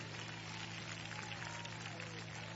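An audience applauds steadily for Christ at a Father's Day service, a dense wash of many hands clapping at an even level throughout, with a low constant hum underneath.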